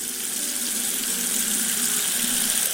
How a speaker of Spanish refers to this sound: Pero el agua suena en más lugares de la catedral. Es curioso cómo se puede observar en la sacristía una fuente con dos caños.